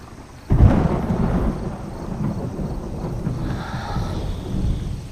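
A sudden crack of thunder breaks out as rain is about to fall, then rolls into a long, deep, loud rumble that lingers steadily, with no voices present.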